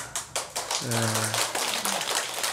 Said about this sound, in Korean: 또뭐 좀 말씀이 괜찮았는가 박수를 다 치시네. 예.